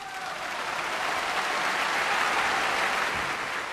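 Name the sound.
concert audience applause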